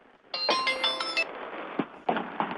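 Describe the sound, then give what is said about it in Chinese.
A short electronic WeChat video call ringtone plays a quick melodic chime, then cuts off into a dull hiss broken by a few soft clicks and thumps as the call fails because the other side is busy. No one speaks. “啊，对方忙，啊，对方忙，不好意思”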